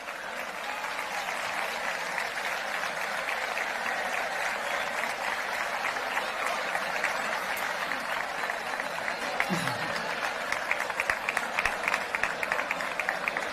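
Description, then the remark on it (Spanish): Sustained applause from a large audience at a town council event as the mayor, the head of the Archicofradía and the festivities councillor are invited onto the stage. A dense, steady wash of clapping holds at an even level for roughly thirteen seconds, with a few sharper claps standing out near the end. “Un aplauso, por favor.”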